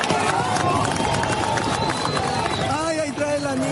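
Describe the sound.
A crowd of residents shouting urgently over one another at the rubble of the collapsed Ariguaní building in the El Refugio sector after an earthquake, urging rescuers to help a 3-year-old girl trapped under the debris; a loud, continuous tangle of raised voices with bursts of yelling and commotion throughout.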